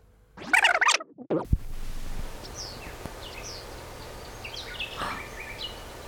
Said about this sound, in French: Des oiseaux. Cet endroit, la grotte de Jette, à Bruxelles, c'est maman Marie, elle est là.